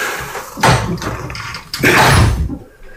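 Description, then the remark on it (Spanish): A heavy door in an old building with thick walls is pushed open with two loud, scraping, rumbling surges, the second longer than the first, then the sound falls quiet. “Bueno, vamos a ver si esta puerta.”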